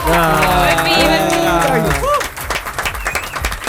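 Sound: group applauding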